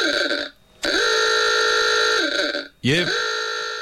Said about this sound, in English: How did you organise that? You've got the other horn going on that one as well.